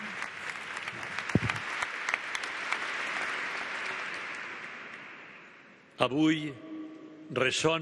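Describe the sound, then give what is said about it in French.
An audience applauds the representatives of the Philippine community and parish in a dense, steady wash of clapping that slowly fades over about six seconds before a single voice begins speaking. “Nous pouvons applaudir les représentants de la communauté philippine, de la paroisse philippine.”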